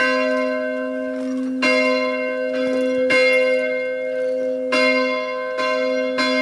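A large church bell, rung by hand by pulling a rope rather than by an electric drive, tolls repeatedly and loudly, with strikes roughly every one to one and a half seconds, each leaving a long, ringing hum that overlaps the next stroke.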